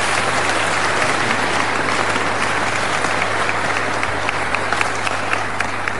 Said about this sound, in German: Ihr Applaus, Herr Bürgermeister.